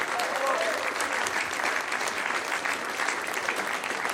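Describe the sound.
Sustained audience applause for a trio of singers and musicians on the BR Heimatbühne, a dense, steady clatter of many hands clapping throughout, full, with faint voices or cheers mixed in near the start.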